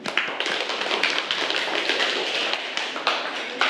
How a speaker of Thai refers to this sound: ซึ่งข้อนี้ถูกต้องค่ะปรบมือให้กับตัวแทนห้องของเราหน่อยค่ะ